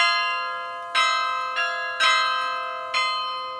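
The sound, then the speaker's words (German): Carillon bells at the Karlskirche in Germany, played by a 16-year-old carillonneur, ring out a slow melody, each struck note blooming with rich overtones and a long fading hum, several strikes spaced unevenly over a few seconds, clear. “Passt irgendwie zum wahrscheinlich jüngsten Glockenspieler Deutschlands,”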